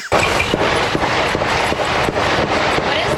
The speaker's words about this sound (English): She turns around, still sitting up in her chair. Right. Dozens of gunshots going on behind her. Sounds like fire.